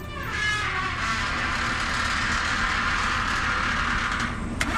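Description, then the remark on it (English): A truck engine drones steadily, with continuous rattling and clattering throughout, as the truck drives over a bumpy meadow towards buffalo. There is no talking. “we hop into Derek's truck. He opens the gate to the corral.”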